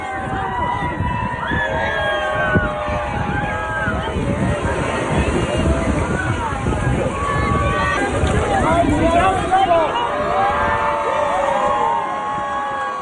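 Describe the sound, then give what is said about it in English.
An outdoor crowd of kids and onlookers at Coney Island cheers and shouts excitedly as Pancake, an endangered 11-pound sea turtle fitted with a satellite tracker, is released into the water; many overlapping voices rise and fall continuously, with some wind rumble on the microphone. “Kids and onlookers cheered as Pancake entered the water with a satellite tracker attached for monitoring.”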